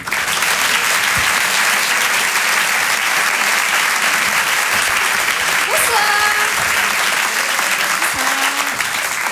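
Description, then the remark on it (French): Sustained audience applause at a comedy club welcomes a female comedian, a former journalist, to the stage; a dense, even wash of clapping at steady loudness, with a few faint whistles and cheers rising above it midway. “Je vous demande, pardon, de l'applaudir très fort s'il vous plaît.”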